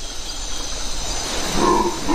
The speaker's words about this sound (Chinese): 咆哮声来自另一种猴子，吼猴。他们嘶哑的叫声能传到5公里之外，还没看到吼猴的时候就能听到他们的叫声。在清晨的雨林里，吼猴的叫声此起彼伏。